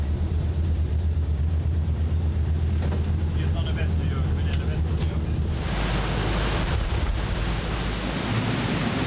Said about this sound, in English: Our pilot is approaching it with the waves at our stern. That way the boat isn't tossed around the way it can be when the waves hit the bow.